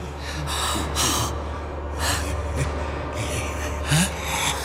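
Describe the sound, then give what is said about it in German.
A man breathes heavily in rasping breaths that come in a series of sharp, irregular gusts over a low steady hum, with a few harsher bursts of coughing, fairly loud. “Da atmet doch einer. Ja. Und er hustet.”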